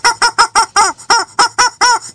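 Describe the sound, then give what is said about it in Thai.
A chicken, running in a panic, squawks loudly and frantically in a rapid string of about nine sharp, harsh bursts, with no other sounds around it. “ปรากฏว่าผ่านไปไม่นานเองอ่ะเจ้าเม่นเจ้าตุ่นเจ้าโดยเฉพาะเจ้าไก่เนี่ยวิ่งหน้าตาตื่นเสียงลั่นเลย โอ้ร้องมาไม่กันเสียงดังฮะ”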